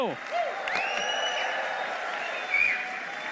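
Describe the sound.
An audience applauds steadily and loudly, with rising whistles and scattered cheering voices riding over the dense clapping throughout.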